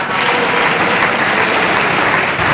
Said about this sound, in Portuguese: Os aplausos são apenas das bancadas que apoiam o governo, PSD e CDS.